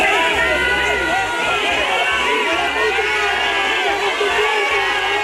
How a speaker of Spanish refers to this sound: Abucheos para el titular de Interior de unos ciudadanos cansados de mentiras, hartos de promesas y que se sienten abandonados en lo que ha sido la mayor crisis vivida en su ciudad.